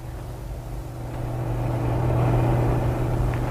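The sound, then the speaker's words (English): A big truck with a single driver drives slowly uphill at no more than walking pace: its heavy engine drones steadily at low pitch, rumbling louder as it slowly approaches, with no voices present. “This one's going slow uphill. Big truck with only one driver.”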